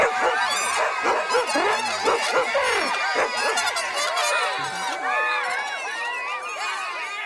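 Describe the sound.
Several dogs bark and yelp over one another in a loud, continuous din, mixed with a crowd of voices calling and shouting throughout.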